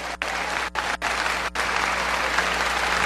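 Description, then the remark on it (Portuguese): An audience claps together, applauding God, in a sustained, dense burst of applause, the rapid overlapping hand claps forming a steady wash of noise with a few brief dips. “Pode aplaudir esse Deus de milagre.”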